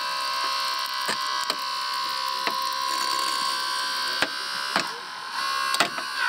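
Steady mechanical whine of rescue shears cutting apart a car, with several sharp cracks and snaps as metal gives way, fairly loud, with no talking.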